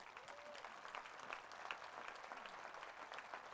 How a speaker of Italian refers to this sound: e che prosegue per chi ci sta seguendo su Rai 3, in diretta, su Rai Play, in differita, in tutto il mondo grazie agli amici di Rai Italia, e l'applauso che prosegue per la straordinaria orchestra Bruni della città di Cuneo, il maestro Andrea Oddone.